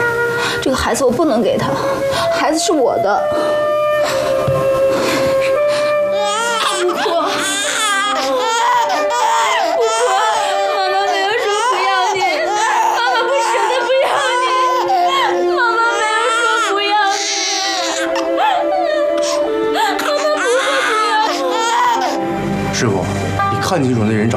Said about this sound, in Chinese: 不哭，宝宝不哭，啊，我去跟宝珠说